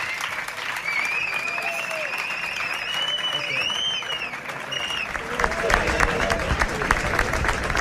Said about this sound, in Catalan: I així acaba, així s'acomiada …, aquest músic català pirenenc, aplaudint ara mateix també el públic assistent, que també l'està aplaudint, evidentment, aquell murmuri, aquests aplaudiments que sentiu també de fons, són per ell